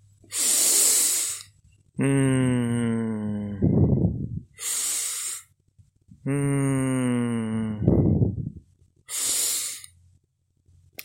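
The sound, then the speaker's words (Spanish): Slow, heavy breaths: airy inhales alternate with long, falling, groan-like exhales, repeating about twice with pauses, as a voice imitates tired panting winding down. “Sopita, poco a poco, comienza a jadear más despacio.”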